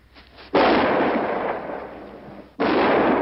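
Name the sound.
three gunshots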